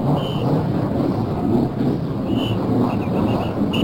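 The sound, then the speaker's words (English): Race car engines in the field starting up at the start of a race, just before the first pace lap, form a dense, steady low roar at even loudness, with a few brief higher-pitched whines cutting through near the start and end. No voices. “Now we're going to listen to the cars start up.”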